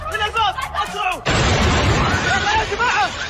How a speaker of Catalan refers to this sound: Hi ha hagut aquesta fortíssima explosió que ha afectat el vestíbul de l'aeroport.